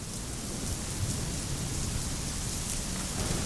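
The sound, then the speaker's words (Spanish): Steady rain falls continuously, a dense even hiss with a low rumbling undertone, fairly loud throughout with no voices. “Deja abro la ventana para sentir tu lluvia sobre mi noche.”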